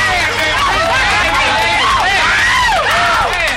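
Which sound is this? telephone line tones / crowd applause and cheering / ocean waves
crowd applause and cheering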